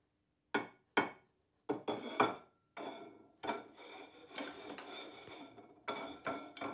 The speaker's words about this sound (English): All right, this is what a plate sounds like when it gets bumped a bit.